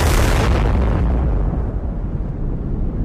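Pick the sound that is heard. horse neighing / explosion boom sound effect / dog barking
explosion boom sound effect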